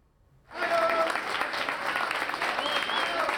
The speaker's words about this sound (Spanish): Así, entre aplausos, han recibido familiares y amigos a los 40 miembros del equipo de emergencia y respuesta inmediata de la Comunidad de Madrid que han regresado a España. Acudieron a La Guaira, en Venezuela, un día después del terremoto.